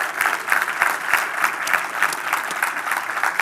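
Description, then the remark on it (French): A church audience claps steadily together to welcome two churches from Terrebonne and Saint-Eustache joining them, a dense wash of many hands applauding at once, fairly loud and sustained with no voices rising above it. “Est-ce qu'on peut les accueillir par une bonne main d'applaudissements?”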